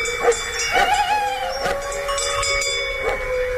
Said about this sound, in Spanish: Lejos, no era un peligro. Sí, está lejos, pero ladra el perro ya avisando. Pero ahí estaba, desde el corazón del conflicto, estaba aullando un lobo.